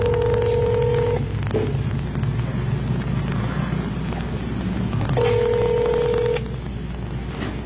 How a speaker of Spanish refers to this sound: Pues ahí estoy marcando. Empieza la grabación. Y nunca ha llegado. Gracias por llamar al 911. Su seguridad nos interesa. En breve será atendido.